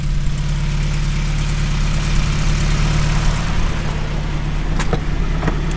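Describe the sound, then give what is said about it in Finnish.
A tuned Gordini car engine hums steadily at idle, a loud, even low drone with layered harmonics, broken by a couple of sharp clicks near the end. “Mikä siellä hurisee? Minkälainen kone?”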